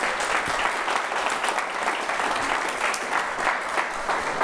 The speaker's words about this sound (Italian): Un bel applauso, grazie davvero, grazie.